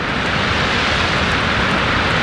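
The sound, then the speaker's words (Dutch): Ocean surf swelling from right to left rushes in a continuous, loud wash of hissing noise, holding steady without clear breaks between waves and with no voices over it. “Deze branding die zwelt aan van rechts naar links.”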